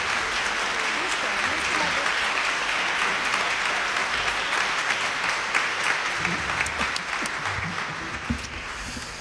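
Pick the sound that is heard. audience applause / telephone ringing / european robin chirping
audience applause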